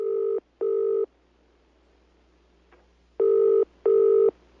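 Telephone line tones on a Quran radio station, introducing a phone-in question: two pairs of steady electronic beeps, each about half a second, separated by a long quiet gap with a faint click between them.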